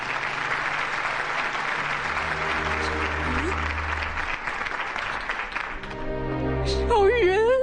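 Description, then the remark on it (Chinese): A large audience claps steadily and warmly for several seconds, welcoming a 90-year-old woman guest, a dense, sustained wash of applause, before swelling music comes in near the end as the clapping continues. “让我们掌声欢迎她。”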